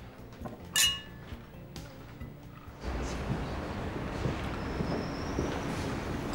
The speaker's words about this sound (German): Jetzt lass uns die Arbeit vergessen und auf uns anstoßen.